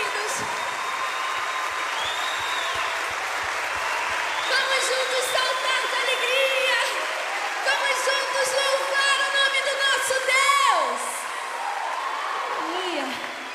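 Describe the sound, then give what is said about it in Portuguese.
A theater audience at a Christian worship event applauds and cheers continuously after being urged to clap harder, a dense wash of clapping with shouts and whistles rising over it, loud, swelling toward the end. “Aplauda bem forte. Aplauda mais forte.”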